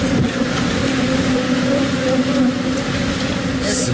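A dense, steady drone of millions of bees buzzing at once after escaping from beehives carried on a semi-truck that overturned and crashed in Texas, a thick continuous hum filling the air outdoors with faint rumbling underneath and no clear pauses.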